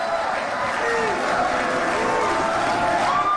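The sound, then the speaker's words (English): A large rally crowd makes a steady, dense roar of overlapping voices, with shouts and cheers rising and falling throughout, reacting to a speaker's mention of Natalie Harp. No single voice stands out above the constant murmur. “You can tell by the reaction of the crowd, they've heard this Natalie thing before.”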